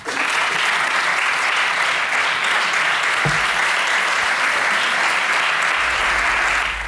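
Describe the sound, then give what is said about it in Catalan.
Sustained applause from the Socialist benches and the Catalan government after a speech by Generalitat president Salvador Illa, steady and dense throughout, with many hands clapping at once and no voices rising above it. “Paraules del president de la Generalitat, Salvador Illa, que rep els aplaudiments de la bancada socialista i del govern després d'haver explicat la situació, després de conèixer els resultats PISA a Catalunya”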